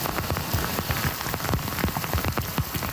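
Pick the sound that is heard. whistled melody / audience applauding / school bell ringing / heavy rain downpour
heavy rain downpour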